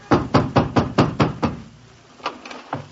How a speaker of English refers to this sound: I ran back home in despair. I hammered on my landlady's door and...